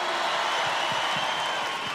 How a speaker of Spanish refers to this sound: Que se repita el aplauso fuerte